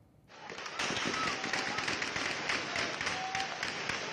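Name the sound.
heavy gunfire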